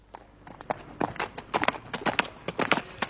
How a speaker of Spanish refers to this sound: Ay, viene el caballo por la plaza, Dios mío.